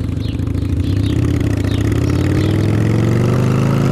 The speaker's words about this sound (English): He thinks he's invincible on that motorcycle.